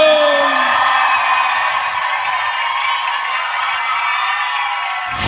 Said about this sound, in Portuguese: Me gusta dar un grito.